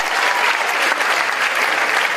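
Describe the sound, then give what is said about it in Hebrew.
An audience claps steadily, a dense, even wash of many hands applauding with no pauses and no voices standing out. “איפה כפיים”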